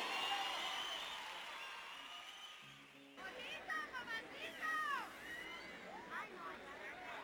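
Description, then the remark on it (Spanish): A crowd applauds the musicians of a vallenato group in a dense, steady wash for about three seconds, then the clapping gives way to voices talking over a low crowd murmur. “Ahora un fuerte aplauso para los muchachos de mi agrupación,”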